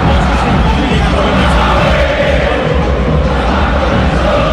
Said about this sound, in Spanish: Es un grito de guerra de la gente de River cuando River no está bien.